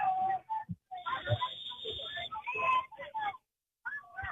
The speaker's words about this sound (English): That blows the whistle, and here's Talis with the second kick of the game.